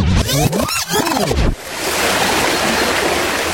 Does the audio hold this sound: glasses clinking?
no